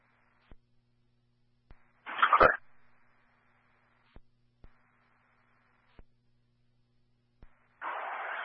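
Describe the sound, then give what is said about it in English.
A dog inside a white work craft parked by the front doors of a CVS store in the heat whimpers and lets out two short, loud bursts of barking, separated by quiet stretches broken only by faint clicks. “A white work craft with a dog inside.”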